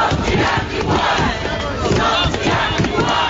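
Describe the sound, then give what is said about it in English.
Hundreds of protesters on the steps of Parliament in Wellington chant and shout together against new water bills, a loud, dense wall of voices with a rough rhythmic pulse that carries steadily through the whole stretch. “Hundreds of Wellingtonians have taken to the steps of Parliament to demand a response to new water bills.”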